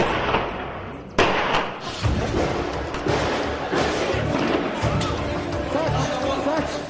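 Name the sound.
gunshots and explosions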